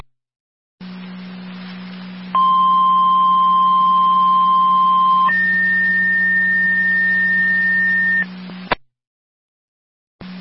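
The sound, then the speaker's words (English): Fire Control's third set of two-tone dispatch paging alerts to the Miller Hose fire company over a radio channel, requesting manpower for an EMS call: a steady mid-pitched tone holds for about three seconds, then steps up to a higher steady tone for three more, over a low hum, ending abruptly. “Fire Control to Miller Hose, third set of tones.”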